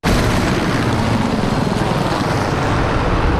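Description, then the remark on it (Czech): H1-system military helicopters roar loudly at the air base in Náměšť nad Oslavou as they welcome the new air force commander Petr Tománek, a dense, steady engine and rotor rumble with wind-like rushing that fills the whole stretch without pause and no voices. “Buráceli vrtulníky systému H1, když před 2 týdny vítali na základně v náměšti nad Oslavou nového velitele vzdušních sil Petra Tománka.”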